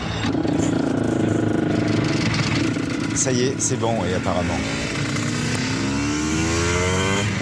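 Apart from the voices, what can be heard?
motorcycle engine starting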